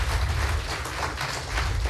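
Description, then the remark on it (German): An audience at a poetry slam applauds a poet's performance steadily, a dense wash of many hands clapping at once with a crackling, even texture and no voices on top. “So, wenn ich jetzt diesen Applaus einordnen müsste, würde ich ihn zwischen 7 und 8 Punkten irgendwo vermuten.”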